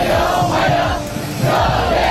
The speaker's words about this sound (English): And cheering students have welcomed Donald Trump to Beijing, where he's due to have talks with China's president.